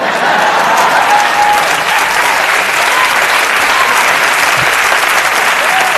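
A sustained round of applause greeting Tony Rock's introduction as he shows up for work at 100.7 KGMO, loud and steady throughout, with dense clapping from a large crowd and no pauses or talk.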